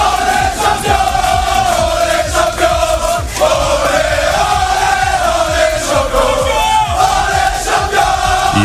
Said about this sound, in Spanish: El partido acabó con empate a uno y tuvo que resolverse en una agónica tanda de penaltis donde los de Luis Enrique se impusieron por 4-3. Así lo celebraban minutos más tarde en el vestuario.